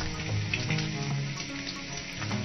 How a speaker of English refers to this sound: And of course, frying bacon.